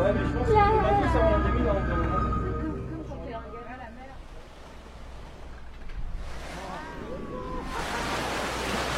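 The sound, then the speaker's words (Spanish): Sea waves wash in one morning with a steady hiss, breaking in two louder surges toward the end, after voices and tonal sounds fill the first few seconds. “Una mañana, frente al mar, leo un versículo del Salmo 31 que me conmueve.”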